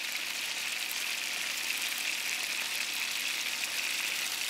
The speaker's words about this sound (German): Wir legen das Ende hier in die Pfanne als erstes und lassen es anbraten. Und dann ist das Fleisch schon fest. Die Rouladen werden in Butterschmalz von allen Seiten scharf angebraten.